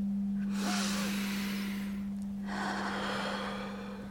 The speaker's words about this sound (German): Wir müssen atmen. So, wie wir es gelernt haben.